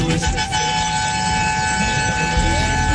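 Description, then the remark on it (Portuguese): Car horns blare in a loud, sustained chorus during a radio show's honking segment ('buzinaço'), steady high tones overlapping without pause over a low rumbling background for the whole stretch. “Tá quase acabando o buzinaço, vai que dá bora, tempo.”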